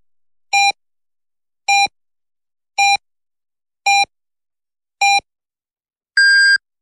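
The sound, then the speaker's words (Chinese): A radio hourly time signal marking 11 o'clock Beijing time on Renqiu Rong Media Center general broadcast FM 103.4: five short, evenly spaced electronic beeps about a second apart, then a final longer, higher-pitched beep marking the hour. Clean and loud, with no talking. “北京时间11点整， 这里是任丘融媒体中心综合广播 FM103.4”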